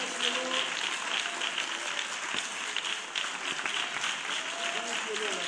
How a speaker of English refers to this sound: Hand clap. Hand clap of praise. Thank you, Lord. Oh, yes, yes, yes. Come on, that's it. You give him another clap of praise.